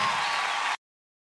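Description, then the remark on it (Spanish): An audience claps together in a dense, steady burst of applause that fills the room for under a second, then cuts off abruptly into silence. “Dale un aplauso más fuerte.”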